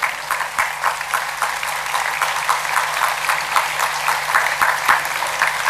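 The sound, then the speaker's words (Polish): An audience applauds the liturgical assistants, altar servers, readers, flower girls and banner bearers, many hands clapping in a dense, continuous patter of sharp claps that holds an even loudness throughout, with no one speaking over it. “Tu brawa także są potrzebne i należne.”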